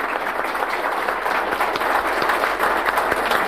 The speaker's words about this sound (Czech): My ještě to podpoříme potleskem dalším.